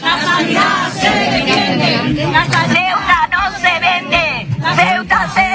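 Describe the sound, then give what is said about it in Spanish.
A morning protest crowd of health workers in white coats and many patients shouts at the doors of the University Hospital of Ceuta, denouncing its collapse: many raised voices overlapping in a loud, continuous roar that surges and dips in brief waves, with no single voice standing out. “Batas blancas, pancartas y gritos de protesta esta mañana a las puertas del Hospital Universitario de Ceuta.”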